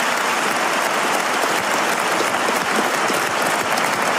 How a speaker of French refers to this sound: Ah ben, ça a été le plus applaudi.